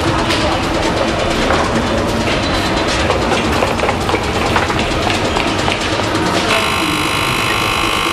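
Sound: train departing from station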